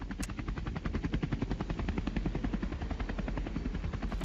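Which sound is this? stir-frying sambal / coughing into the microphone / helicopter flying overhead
helicopter flying overhead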